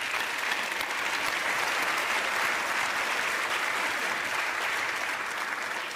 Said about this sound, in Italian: un applauso per Monica che è qui con noi